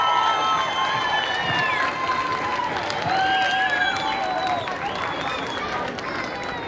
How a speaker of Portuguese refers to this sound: Já, sem mais demoras, prepara a sua entrada à Associação de Pais da Escola São Martinho, Val São Cosme e Telhado. Palmas para eles!